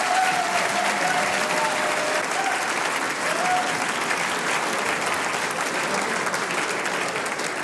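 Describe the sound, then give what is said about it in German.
A crowd claps steadily and loudly throughout for a show guest, a dense wash of applause with a faint whistle or two rising above it and no break in the sound. “das ist dein Applaus.”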